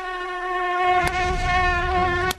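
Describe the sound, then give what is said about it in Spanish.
A mosquito's thin, high-pitched whine drones steadily for a couple of seconds, with two brief sharp clicks cutting through before it stops abruptly. “En mi comunidad hay muchos zancudos.”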